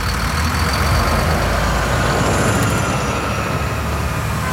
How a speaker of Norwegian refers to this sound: Bussen kjørte gjennom de travle gatene I Beograd, hvor Jugor og Ladar suste ved siden av dem. Bussen svingte seg frem til bygget hvor den albanske representanten holdt til.